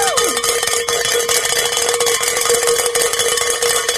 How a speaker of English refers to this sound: All right. It's always great to be able to ring the bell